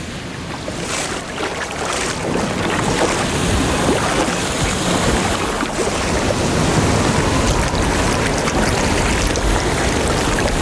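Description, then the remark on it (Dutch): Gentle waves wash and lap continuously in warm, shallow tropical sea water, a steady splashing hiss with no pauses and no voices, heard while standing in the waves. “Lekker warm, hè, het water. Ja, het is een tropische zee, hè.”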